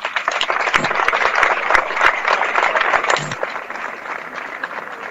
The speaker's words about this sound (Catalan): Volia demanar que no fos aplaudiment tant per la regidora d'Esports com per la tècnica d'Esports.